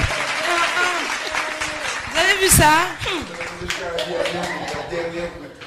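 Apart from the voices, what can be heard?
audience applause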